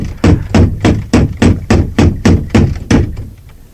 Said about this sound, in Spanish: Volvió sobre sus pasos hasta la puerta, batiendo por tercera y última vez el aldabón.